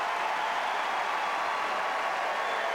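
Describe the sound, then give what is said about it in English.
A steady, unbroken roar of a tennis crowd cheering and applauding, loud and even throughout, with no single voice standing out, as Williams wins the point and breaks back. “And listen to the crowd getting behind her.”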